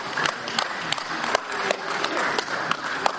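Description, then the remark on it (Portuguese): Sharp hand claps ring out repeatedly at an uneven pace, each a crisp loud snap, over a steady bed of softer clapping and faint murmur. The claps are sound cues guiding blind para-athletes during sensory training on a sports court in the Boqueirão district of Curitiba. “Nesta atividade, por exemplo, os atletas são guiados por estímulos sonoros das palmas.”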